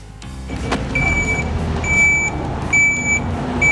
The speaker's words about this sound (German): Ich bin da im Geschiebebecken mit dem Murenmaterial wegräumen. Mit dem Vierachskipper, Mercedes, der hat 510 PS, boah, ungefähr 16 Tonnen.